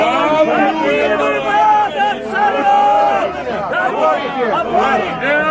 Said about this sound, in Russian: К тем, кто остался на площади, опять подошли Хованский и Голицын. И в толпе закричали.